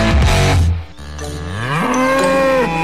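A cow moos loudly, two long drawn-out calls with a brief pause between them, the second rising in pitch and sustained until the end.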